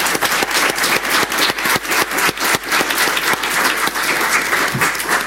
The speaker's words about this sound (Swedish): Kristina är då inte här idag, men jag tänker ändå att jag vill lyfta upp hennes engagemang, och jag tänker att vi applåderar henne i sin frånvaro.